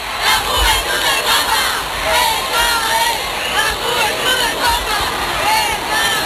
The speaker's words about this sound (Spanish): A esta hora, las calles del centro de Barcelona rebosan de fieles. fieles que dan su calor al Papa León XIV. Este es el sonido en directo.